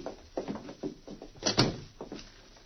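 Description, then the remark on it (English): A hotel room door is pushed shut with a solid thud, surrounded by a series of shorter knocks and rattling clicks like a key turning in the lock, with no voices. “After locking the door, the two men walked away down the hotel corridor.”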